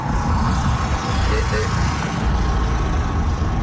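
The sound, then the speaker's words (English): A Model T car, over 100 years old, rumbles steadily across a bridge, its low engine drone and road noise continuous and fairly loud throughout, with a broad hiss riding over the deep rumble. “If that's not the coolest thing that could happen, that car itself, I think, is 100 years plus old. And it's going across the bridge at 12 o'clock.”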